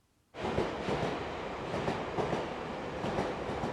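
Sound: train running on rails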